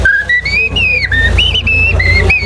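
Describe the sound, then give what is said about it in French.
A person whistles an imitation of a common blackbird's song: loud, fluty phrases that glide up and down almost without pause, over a steady low rumble in the background. “Et alors que si c'est un grand arbre plus vieux, on aura le merle noir.”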